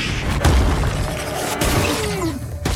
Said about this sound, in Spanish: Se eleva hacia el cielo, soltando la roca junto a una de las plantas globo. Deck se agacha cuando la planta explota en una nube de polvo púrpura y dispara sus espinas.